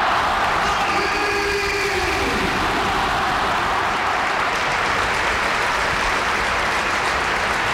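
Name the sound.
stadium crowd applauding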